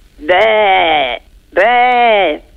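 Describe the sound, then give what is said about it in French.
A person imitates a sheep with two drawn-out, wavering bleats, each lasting under a second with a short pause between, loud. “Et le mouton?”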